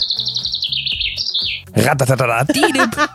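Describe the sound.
A person whistles a high, wavering birdlike warble for about a second and a half, then breaks into loud voiced chirping sounds that imitate birdsong.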